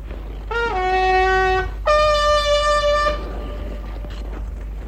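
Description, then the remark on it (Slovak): A hand-blown horn sounds two long, steady blasts in quick succession as a signal call, loud, each note starting with a slight upward bend before holding its pitch, then fading into quiet background. “Nože zatrúb ešte raz”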